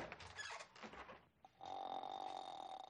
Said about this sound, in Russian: Захар отворяет дверь в соседнюю комнату.